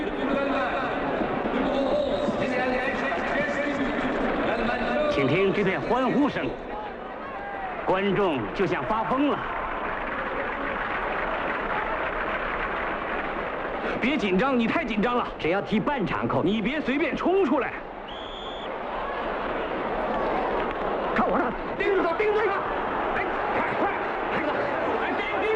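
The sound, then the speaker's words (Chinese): A packed football stadium crowd roars and cheers continuously and loudly after a goal makes the score 1-0, with a dense wash of shouting voices that swells in waves and rises in excited bursts throughout. “请听这片欢呼声，观众就像发疯了。”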